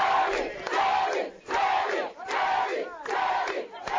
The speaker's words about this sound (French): En colère, des manifestants ont investi les rues, brandissant des branches de palmiers et de couverts de casserole tout en scandant leur slogan.